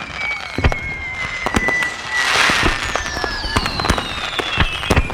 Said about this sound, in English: We got some fireworks.